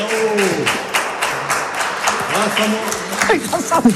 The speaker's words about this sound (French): Eh bien, on peut applaudir. Bien joué, bravo, bravo. Bravo.